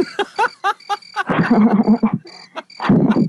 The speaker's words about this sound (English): We played the crickets for you, bro.